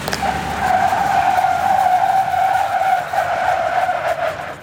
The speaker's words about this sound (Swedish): På halkbanan här testar 180 gymnasieelever på att bromsa i halt väglag i olika hastigheter och däcken skriker.